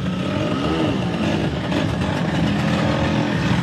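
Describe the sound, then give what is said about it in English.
A Vespa scooter engine revs in Rome during a celebration of the Vespa's 80th anniversary, its buzzing pitch swooping up and down, loud and continuous over a busy background of street noise. “I'm here in Rome where a party is taking shape to celebrate the 80th birthday of the iconic Vespa scooter.”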